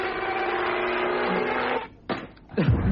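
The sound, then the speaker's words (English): A made-up sound effect of a flaming kamikaze wasp: a steady, harsh insect-like buzzing drone runs for almost two seconds, breaks off, then a short burst and a falling, swooping whine like a diving wasp close it out. “It took him so long to make that sound effect, he played the whole thing again.”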